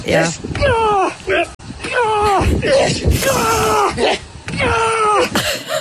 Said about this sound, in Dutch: Ja, hier hangt hij horizontaal aan een paal, terwijl dat er dus iemand met zo'n grote, zware tractorband op zijn buik beukt.